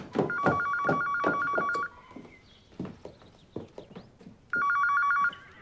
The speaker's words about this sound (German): Telefon.